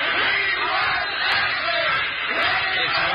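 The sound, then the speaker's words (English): A group of children cheering and shouting together for Mr. Ashley, loud, a continuous excited roar of many young voices lasting a few seconds. “Let's give Mr. Ashley a cheer.”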